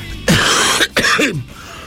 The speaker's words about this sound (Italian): scusate che... ho un po' di tosse, ma so le sigarette purtroppo.